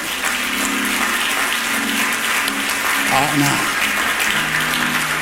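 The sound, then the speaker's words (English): An audience claps their hands in steady, dense applause after a sermon, answering the preacher's call to clap if they enjoyed the word of God. The applause holds at an even loudness for several seconds, with a faint voice murmuring underneath. “If you enjoyed the word of God today, clap your hands.”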